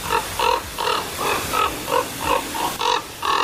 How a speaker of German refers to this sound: Ja, klingt nicht besonders schön. Mich stört das auch manchmal ein bisschen. Aber mein Vogel ist Vogel, ne? Und Natur ist Natur. Ich dachte jedenfalls, ganz klarer Fall, ist eine Saatkrähe. Und dann zeigte mir die App aber an, das ist der Kolkrabe.